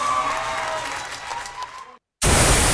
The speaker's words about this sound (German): Applaus.